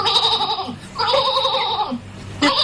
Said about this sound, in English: Raise on, this old sheep, he don't want to stop.